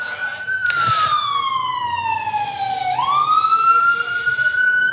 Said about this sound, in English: You have a lot of fire in Brooklyn, man. Every time I come up to preach, there's an engine.